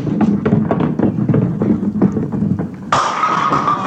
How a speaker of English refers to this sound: Hey, you knocked down all the pins, kiddo. That's called a strike, see? That gives you 10 and...